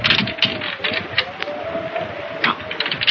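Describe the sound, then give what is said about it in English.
A key rattles and turns in a door lock, giving a run of sharp metallic clicks and scraping over a few seconds, fairly loud with no voices. “Oh, here we are. This key fits.”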